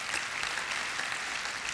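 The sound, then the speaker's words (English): An audience claps steadily for the Lord, a dense wash of many hands with no talking over it, holding at an even, moderate level throughout. “Go ahead, give the Lord a hand to clap on that one.”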